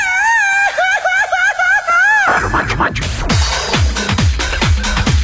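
A traditional Mexican grito: a high, warbling falsetto cry with quick trilling wavers lasts about two seconds, then breaks off into loud, noisy, rhythmic bursts.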